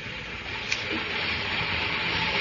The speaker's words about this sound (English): when the two men, one wearing this particular shoe, walked along the platform at Newcastle Station. It was a few minutes before train time as they made their way along the platform.